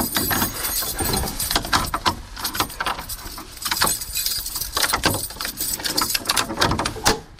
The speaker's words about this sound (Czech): Tenhle zámek a tohle bouchnutí dveří je už z Krakovce, nedaleko Rakovníka.